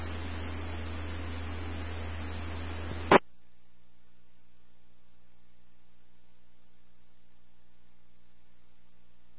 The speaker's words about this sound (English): to get your call sign, radio check, because you're loud and you're clear, but there's a lot of background static.